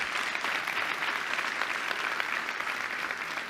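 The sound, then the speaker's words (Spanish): A church audience applauds the Lord steadily, a dense, continuous wash of many hands clapping at an even, fairly loud level with no voices standing out. “Vamos, iglesia, denle un fuerte aplauso al Señor.”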